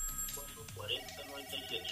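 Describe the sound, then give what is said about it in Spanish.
A telephone rings with an electronic ringtone of repeated tonal chirps, an incoming call to a radio classified-ads phone line, steady across the moment, while a voice murmurs faintly underneath. “Otro llamado. Ahí.”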